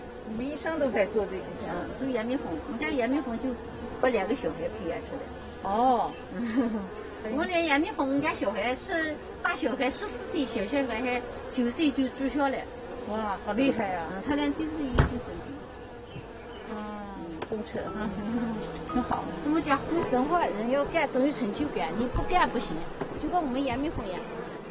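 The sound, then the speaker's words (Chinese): A dense, continuous buzzing of many wild honeybees around an opened hive box, a steady droning hum that rises and falls, with people talking intermittently over it. “我们一生都在做这个项目，做野蜜蜂。”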